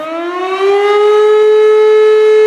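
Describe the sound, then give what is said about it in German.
A loud fire brigade alert siren in Germany wails upward in pitch and then holds a steady, sustained tone, rich in harmonics, with no voices over it. “Wird in Deutschland die Feuerwehr alarmiert, rücken oftmals nicht die Berufsfeuerwehren großer Städte aus.”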